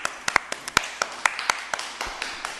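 Scattered, uneven clapping from a small audience, a dozen or so sharp claps over a couple of seconds, with faint background murmur and no speech, applauding a participant who correctly answered a riddle.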